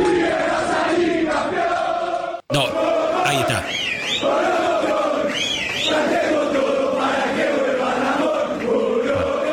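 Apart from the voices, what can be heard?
football fans chanting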